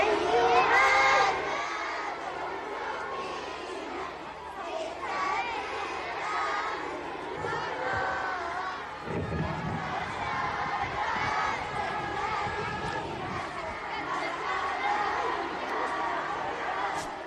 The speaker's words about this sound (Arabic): المشاركات حملنا تحت أشعة الشمس اللافحة وفي الأجواء الممطرة الأعلام الخضراء والبيضاء، ورددنا هتافات المحبة للرسول الأعظم في ذكرى مولده.